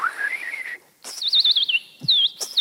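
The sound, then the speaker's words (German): Clear, close whistled birdsong: a rising, wavering note, then quick looping trills in two bursts with a brief pause between. It sounds like a person imitating a bird, with no talking. “Wenn ich probiere ein neues Partitur, ich gehe draußen im Wald und ich singe. Und ich imitiere die Folgen und immer.”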